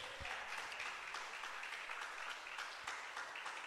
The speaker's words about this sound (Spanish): ¿Cuántos bendicen a Dios? Dele un aplauso al Señor si puede.